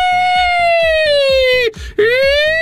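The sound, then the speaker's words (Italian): A voice imitates an ambulance siren, vocalizing 'nino, nino', with a steady, sustained wail that slowly drifts down in pitch, breaks off briefly, then swoops back up, loud against a soft rhythmic thumping underneath. “L'ambulanza, ho iniziato a fare anche io suono dell'ambulanza.”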